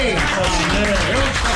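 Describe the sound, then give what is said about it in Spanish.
An audience applauds in a dense, steady wash of clapping that holds at an even level throughout, with a voice speaking over the applause. “Bien fuerte el aplauso.”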